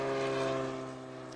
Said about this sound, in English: Well, we're at an airport. What can you expect? I love right? it. Yeah, I love it. Yeah, I love it too. All the great noise from all of these airplanes.